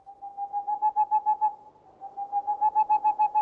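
An owl clock hoots softly: a steady, whistle-like tone pulsing in two quick runs of repeated hoots, with a short dip between them. It sounds mechanical, with no voices.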